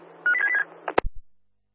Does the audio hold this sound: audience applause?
no